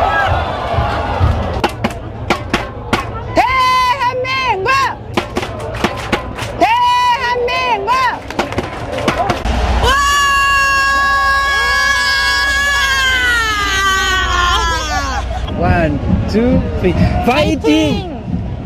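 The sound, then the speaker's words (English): Excited French football fans of South Korea in Seoul shout and cheer amid crowd noise, then one voice lets out a long, loud, sustained scream before the rowdy shouting resumes. “That was … screaming, but it gives us a sense of the passion”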